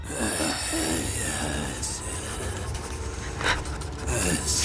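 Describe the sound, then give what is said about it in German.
Scratchy strokes of a pen moving across paper, in short bright bursts over a steady, dense bed of background noise and low rumble. “Er führt den Stift über das Blatt.”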